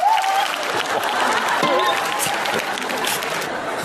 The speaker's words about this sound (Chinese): 咱们掌声有请，鼓掌。